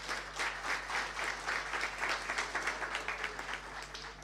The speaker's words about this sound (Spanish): Así que un aplauso para el equipo de farmacia, muy bien.